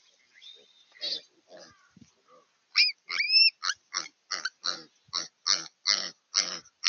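Piglets squeal in a rapid series of sharp, high-pitched cries as ravens attack them and pull at their tails, filmed by a motion-triggered wildlife camera; scattered fainter calls, then a loud, steady burst of repeated squeals, with no talking.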